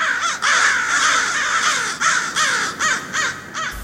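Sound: crow cawing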